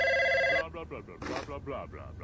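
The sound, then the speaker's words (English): A telephone rings once, a short loud electronic trill, as a man is about to pick it up; it cuts off abruptly, after which muffled voices start talking. “He's gonna pick up the phone.”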